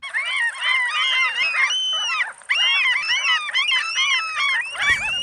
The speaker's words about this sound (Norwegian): Når jeg spiller disse måkelydene her, så tenker sikkert noen av dere på sommer og sjø og ferie, fred I sjela og hvilepuls. Andre får sikkert høypuls og tenker måkeangrep, bæsj I håret og frekt mattyveri på høylys dag.